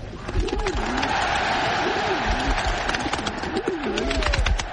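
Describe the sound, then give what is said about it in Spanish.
Repeated wavering coos of twenty thousand doves released as a symbol of peace at the 1936 Berlin Olympic Games in a stadium rise over a dense, steady roar of a large cheering crowd, with bursts of clapping-like noise throughout. “Veinte mil palomas fueron liberadas como símbolo de la paz e inmediatamente sonó la artillería.”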